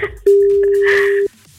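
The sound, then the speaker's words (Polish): A single steady ringback tone sounds for about a second, a clear, even electronic hum over a faint background murmur, heard through a phone line as Meloradio radio hosts wait for their outgoing call to be answered. “Ma 5 sygnałów, żeby to zrobił.”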